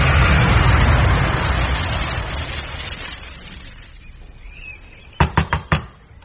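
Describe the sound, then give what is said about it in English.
Four sharp, quick, loud knocks on a door, coming right after a broad rumbling noise fades away to near quiet. “There's some goggy knocking at the door.”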